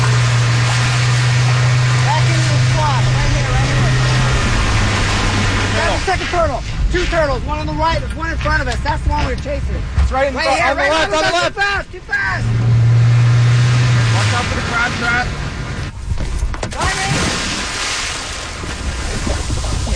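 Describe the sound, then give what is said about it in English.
A motorboat's engine drones low and steady over rushing wind and splashing water at sea off the coast of Florida, carrying scientists catching a turtle to tag it, with people calling out over the noise partway through as a scientist jumps into the water to grab the turtle. “in a boat with a bunch of scientists off the coast of Florida doing the first step of tagging a turtle”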